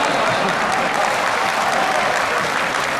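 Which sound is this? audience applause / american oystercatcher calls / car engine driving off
audience applause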